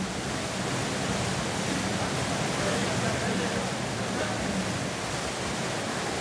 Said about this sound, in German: Hubschraubergeräusche. Wenn die Gruppe jetzt strampelt, könnte sie aus der Luft gesehen werden.